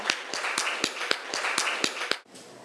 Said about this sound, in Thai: มาปรบมือให้กำลังใจตัวแทนจากกลุ่มที่สองหน่อยนะคะ